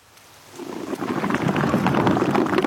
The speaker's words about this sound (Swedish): Där har man bubblorna bubbla ut från valen.